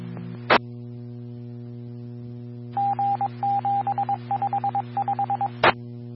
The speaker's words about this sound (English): Tones for a lift assist, or I'm sorry, fire assist at 57, road 3535. Reporting party wanting the house tested for carbon monoxide.